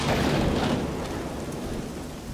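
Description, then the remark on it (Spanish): Rain pours down steadily with a deep rumble of thunder rolling underneath, loud, the noise staying dense and constant throughout with no voices. “Tu predicción del tiempo resultó cierta, Franklin.”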